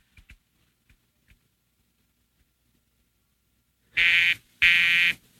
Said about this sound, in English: The line's busy, sir. It's their disc jockey. He takes phone requests. It's always busy when he's on.